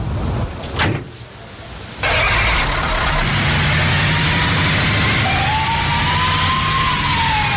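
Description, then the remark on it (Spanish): A truck, found parked with the keys left in it, abruptly roars to life after a brief hush and keeps rumbling loudly as it pulls away, with a rising whine creeping in near the end. No one speaks. “Encontré un camión con las llaves puestas, pero no llegué muy lejos.”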